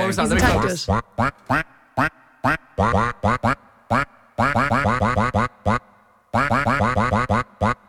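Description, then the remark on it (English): A rapid series of loud duck quacks pitched up and down to follow the melody of a song from an animated film, played as a quiz clue, bunched into rhythmic phrases with short pauses between them. “I will say, Matt, the duck did struggle a bit with this one, but...”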